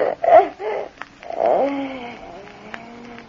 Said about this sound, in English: What's that? It's Rhonda, her cat. She's been hiding in the cupboard there.